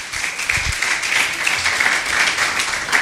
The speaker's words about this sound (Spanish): Démosle un aplauso fuerte al Cristo de la gloria.